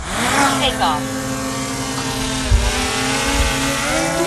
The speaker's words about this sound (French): Le petit drone est posé au sol, il s'envole vers le ciel.